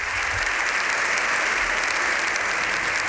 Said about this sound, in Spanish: Aquests són els aplaudiments? Estem aquí.